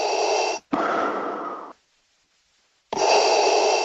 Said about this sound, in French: Mais c'est aussi le cas de ça. La respiration, on ne l'entend que rarement, sauf quand elle est un peu inquiétante.